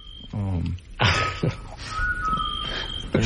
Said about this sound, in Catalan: Un altre so. Això em consta que és un xot, que seria un mussol, no?